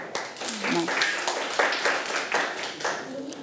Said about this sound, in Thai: เอาปรบมือให้กับเพื่อนค่ะ